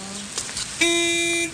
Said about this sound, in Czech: Klaxon troubí.